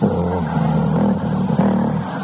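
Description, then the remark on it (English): A big, non-electric wind-up Victrola phonograph with a crank on the side hums steadily as it is cranked, a low droning mechanical whir with a slight wavering pitch that runs unbroken throughout. No one speaks. “It had a wind-up crank on the side. And when you cranked that, you know, wound it up, you could just hear it humming.”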